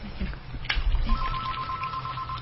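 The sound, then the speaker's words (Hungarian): A telephone rings with a steady, high electronic tone that starts partway through and continues to the end, clear and moderately loud over a low background rumble. “Na jó, felvegyük ezt a telefont, vegyük.”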